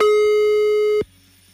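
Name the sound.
telephone line tone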